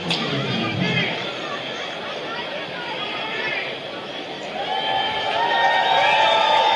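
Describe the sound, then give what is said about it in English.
A baseball crowd cheers and roars steadily after batter Gonzalez swings and misses for an 0-2 count, while the left-center field scoreboard urges fans to make noise: a dense wash of voices and shouts that swells louder toward the end, with a high whistle-like tone rising over the noise. “Big cheer from the crowd.”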